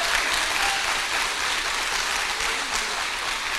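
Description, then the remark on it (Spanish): An audience applauds for the Lord steadily, a dense, loud wash of many hands clapping that holds evenly from start to finish without a clear rhythm or break. “Y todo el pueblo dice: aplauso para el Señor, a Él la gloria, el honor y el poder por siempre.”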